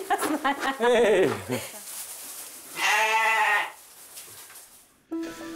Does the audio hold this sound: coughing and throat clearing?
no